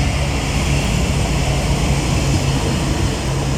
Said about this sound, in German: Ah, Achtung, es kommt ein Zug.